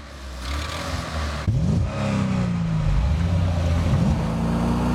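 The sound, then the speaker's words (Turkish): An Italian car engine revs hard through its vibrating exhaust, with a hesitation in its turbo, rising and falling in pitch with a sharp burst near the start, then a sustained throaty drone. No one speaks. “Egzozdan hava geldi.”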